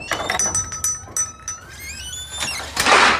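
A kitchen drawer slides with a squeaky, scraping glide, rattling metal contents that clink and chime, then ends with a louder rushing scrape as it closes. No voices.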